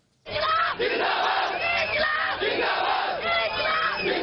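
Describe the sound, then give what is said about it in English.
A large crowd at a youth-led nationwide protest in India, over examination paper leaks and demanding the Education Minister step down, roars and shouts together in a dense, sustained wall of voices, with overlapping rising calls and a rhythmic, chant-like swell that stays loud throughout. “It comes after youth-led nationwide protests swept the country, demanding he step down over a growing dispute sparked by examination paper leaks.”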